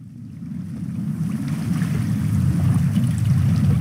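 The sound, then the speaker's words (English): Water sloshes and laps steadily against a felucca, a flat-bottomed wooden sailing boat, on the Nile in Egypt, with a constant low rush of wind and current building slightly louder over a few seconds. No one speaks. “I'm on a felucca, one of the flat-bottom sailing boats that have been plying the waters of the Nile for, well, for thousands of years, really, since the days of the pharaohs.”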